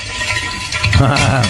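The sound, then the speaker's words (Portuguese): A steady crackling sizzle of eggs frying in a pan, continuous, with a voice-like murmur rising underneath in the second half. “Ah, esse é barulho de ovo fritando.”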